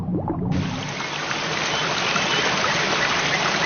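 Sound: mountain stream flowing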